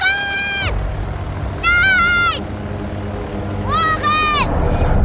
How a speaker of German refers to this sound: Es rollt langsam aus dem Hangar auf die Startbahn.